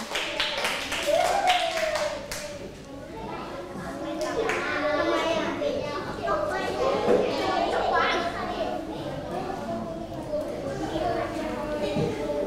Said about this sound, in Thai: และกลุ่มสุดท้ายของเราในวันนี้ขอเสียงปรบมือให้กลุ่มที่5ด้วยค่ะ